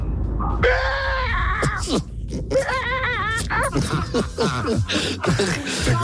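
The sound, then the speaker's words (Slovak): A man, a driver calling in to the radio station Fanrádio, imitates a pterodactyl screech: a long, shrill, strained cry, then a run of loud, wavering, rising-and-falling squawks that break and crackle over several seconds. “Tak kedysi som vedel zvuk pterodaktyla. Vyskúšam, či to ešte viem.”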